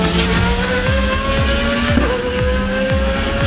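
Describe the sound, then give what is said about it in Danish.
Loud race cars at the 24 Hours of Le Mans race roar past at speed, engines whining up and down in pitch with sharp tire squeals cutting through, a continuous motorsport din with no talking. “Det er 24 timers løbet Le Mans, som starter næste lørdag.”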